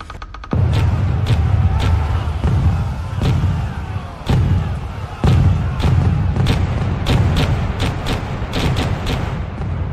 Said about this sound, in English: 5,000 cannon shots will be fired against this fleet. Richelieu and Louis are both taking part. The king himself is firing cannons from the chef de bay, desperate to get rid of the English fleet.